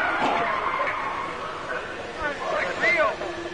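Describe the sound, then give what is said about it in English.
A car brakes hard over steady road and engine noise during a rough road test, driven up to cones and steered through them, and its tires let out short, wavering high squeals near the end as they skid. “Okay, I'm going to take you right up to the cones, hit the brakes, and see if I can steer you through.”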